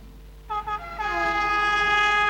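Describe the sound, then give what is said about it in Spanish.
An EFE Trenes de Chile train horn sounds loudly in the Ñuble region, two short blasts quickly followed by a long sustained blare, over a low steady rumble of rail movement. “Con EFE Trenes de Chile, la región de Ñuble más conectada que nunca.”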